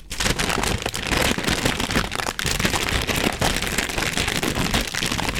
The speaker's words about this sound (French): Et pour terminer, voici quelques sons du papier cristal. Si on l'étire, et si on le froisse.